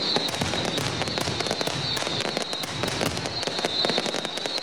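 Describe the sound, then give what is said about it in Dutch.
Rapid, crackling bursts of fireworks and firecrackers popping continuously, dense and loud, set off by football supporters at a match, over a steady roar of a large crowd. “Nou, zeker niet al het vuurwerk is ingenomen gisteren door de politie. Het gaat voldoende de lucht in.”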